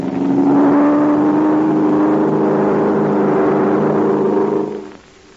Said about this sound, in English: The plane's playing in a circle. It's getting ready to dive.